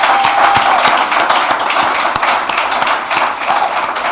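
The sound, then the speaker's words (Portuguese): A steady round of applause fills the whole stretch, dense overlapping claps at even loudness with a few sharper individual claps standing out, and no voices on top. The applause comes during the announcement of Cape Verde's World Cup squad. “Esse nos lista e me está a pedir também um salve de palmas para ele.”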